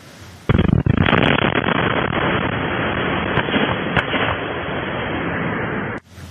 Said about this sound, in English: Two workers are dead after an explosion at an Ohio recycling facility.